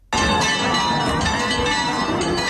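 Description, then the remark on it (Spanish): Church bells in the village of El Rocío peal loudly and continuously on Pentecost Monday, a dense clanging wash of overlapping metallic tones that starts abruptly and rings on without pause, with no voices present. “Y así repican a esta hora las campanas en la aldea del Rocío, porque a las 3 y 2 minutos de la mañana la Virgen salía de su santuario en busca de sus hermandades filiales en este lunes de Pentecostés.”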